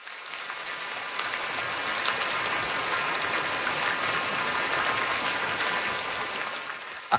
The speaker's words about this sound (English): I know what this sound is, or what it's supposed to be, but it does sound like I'm in the shower right now. If you have one of those fancy rain showers.